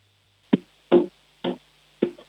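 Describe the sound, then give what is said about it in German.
A child knocks on a window pane during a sound game: four sharp knocks, evenly spaced about half a second apart, each a bright, hard tap with a short ringing decay, with no talking. “Du, dann hätte ich gesagt, du gehst jetzt mal zu einem Fenster und klopfst mal an das Fenster.”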